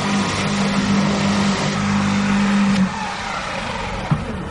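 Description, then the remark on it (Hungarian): An electric lawn scarifier runs in a small garden with a steady, low motor hum and a broad whirring rasp. After about three seconds the drone drops away, leaving a softer rustling noise and a brief knock near the end. “Ez egy elektromos szellőztető.”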